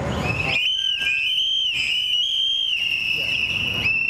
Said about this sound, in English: an organizer with Unidad Latina en Acción, calls on the crowd to blow into their whistles, a popular tool to warn others of ICE activity, as they commemorate two men recently killed by ICE agents across the country.